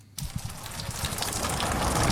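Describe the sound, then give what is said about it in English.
Steady overnight rain falls across the New England Northwest, in areas like Tamworth, with a dense, hissing wash and soft patter underneath, starting abruptly and growing slightly heavier over the couple of seconds, with no voices. “The sound of rain overnight was welcomed for the farmers across the New England Northwest who were under the right clouds.”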